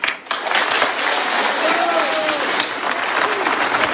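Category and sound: crowd, crowd applauding and cheering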